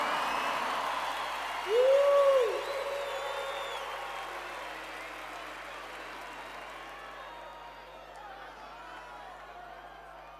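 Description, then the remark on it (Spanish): A crowd applauds loudly, with a sharp whistle cutting through early on, then the clapping and cheering gradually thin out and fade over the next several seconds. “fuertes aplausos.”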